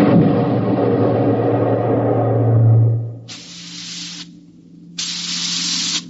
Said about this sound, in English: We could hear the desperate bursts of steam through the steering tubes as the Starfire maneuvered to dodge the enemy attacks.